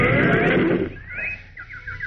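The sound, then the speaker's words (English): A loud, rough, droning sound gives way to shrill, bird-like calls of Tikas, creatures half bird and half fish living in the Sea of Mercury and silver leaf trees: a rising whistle, then a quick run of short, repeated chirps, clear. “What are those queer shrill sounds? Oh, those are the Tikas.”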